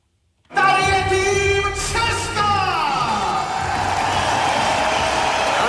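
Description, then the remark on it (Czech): A packed indoor tennis hall, the Libeň hall, erupts in loud cheering at a Davis Cup tie between the Czech team and the United States, with a sustained crowd roar, whoops and shrill horn-like tones that slide downward before the steady din carries on. “Slyšíte tu kulisu?”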